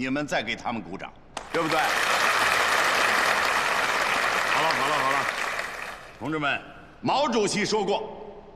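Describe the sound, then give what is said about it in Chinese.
A group of people at a test-flight base breaks into loud, dense applause lasting about four seconds after the test flight group is congratulated on a simulated ski-jump takeoff, with a man talking just before it starts and again after it dies away. “给我鼓什么掌？”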